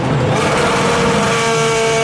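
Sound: racing car engine revving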